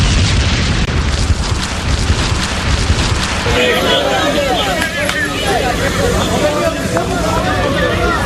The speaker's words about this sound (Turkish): Felaketin adresi Tekirdağ Çorlu ilçesi. 6 katlı apartmanın en üst katında sabah saatlerinde şiddetli bir patlama meydana geldi. Çevrede büyük panik yaşandı.